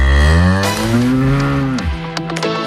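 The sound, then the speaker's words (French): A single long, loud moo from Marguerite, a cow whose milk makes reblochon and Beaufort cheese, with a deep, rich harmonic drone that rises and then drops off near the end, followed by a short, lower trailing grunt; no talking. “Ça, c'était la vache Marguerite, c'est la vache de Kamal qui réalise cette émission.”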